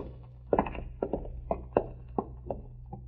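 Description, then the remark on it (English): Footsteps walk along at a steady, unhurried pace, about eight dull thuds over a low steady hum, with no voices, as a man walks back to Nichols' door. “Walk back to Nichols' door.”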